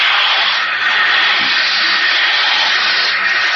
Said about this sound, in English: It's water. It's water pouring against the bulkhead.